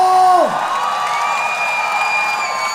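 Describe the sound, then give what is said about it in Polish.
A concert crowd cheers and whoops in a steady, loud roar, with clapping mixed into the noise; at the start, a held tone slides sharply downward before the cheering takes over. “Wielkie brawa, dziękuję wam bardzo!”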